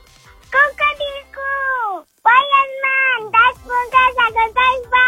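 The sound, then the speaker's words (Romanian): A child's voice imitates a rooster crowing, loud, with strained, high-pitched calls: drawn-out notes that slide downward, followed by a quick run of shorter bursts, imitating the rooster from Ion Creangă's story Punguța cu doi bani. “Cocoșul și nu orice cocoș.”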